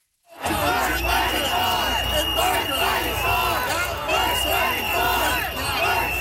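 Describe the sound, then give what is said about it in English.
A large protest crowd chants "worth fighting for" and yells loudly and without pause while Premier Doug Ford is on stage trying to speak, drowning him out, many voices overlapping into a dense, steady roar with rhythmic shouted bursts throughout the six seconds. “They chanted the entire time Premier Doug Ford was on stage, pretty much drowning him out.”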